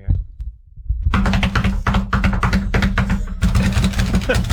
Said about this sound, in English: That's somebody cramming and slapping their knuckles onto their desk. Oh. Like a drum beat. Yeah, like drumming on everything.